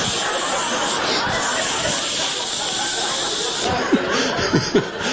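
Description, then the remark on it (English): An aerosol deodorant can that would not shut off sprays in one steady, unbroken hiss for several seconds onto the armpits of shirts, fairly loud, with a brief chuckle breaking in near the end. “I'm pulling shirts off the floor, just spraying the armpits.”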